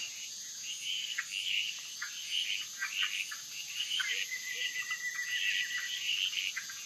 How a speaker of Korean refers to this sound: 하지만 어둠이 내리면 개구리들의 시간입니다.